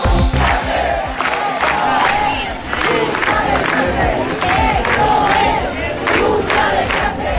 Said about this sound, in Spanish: Granada ha salido a la calle. Ha salido a la calle para hablar de vivienda, para clamar sobre la situación de la vivienda.